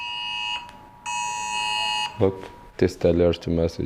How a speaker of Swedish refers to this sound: Det är regeringen som testar ett nytt varningssystem i folks mobiler.